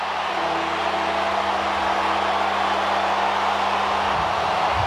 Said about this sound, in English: Perth Stadium erupts.